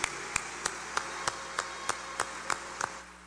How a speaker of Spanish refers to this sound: dásles un fuerte aplauso de felicitación.